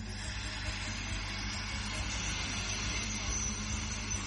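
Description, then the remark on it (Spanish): A delivery motorcycle of a well-known delivery brand, with a small loudspeaker tied to it, rumbles steadily at moderate volume, a low, continuous drone under broad street noise, with no clear pass-by swell and no talking. “Filmó una moto. Una moto de reparto.”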